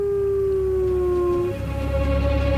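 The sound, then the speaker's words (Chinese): A hungry white wolf howls to call its mate in one long, sustained note that steps up to a higher pitch midway through, loud over a low background rumble, with no voices. “牧白狼饥饿难忍，他嚎叫着呼唤配偶，但这是一个错误的做法，嚎叫声暴露了他的位置。”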